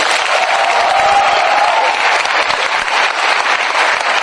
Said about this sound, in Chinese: 在这儿、祝愿大家身体健康，万事如意，学业顺利，少生嫌弃，掌声随意。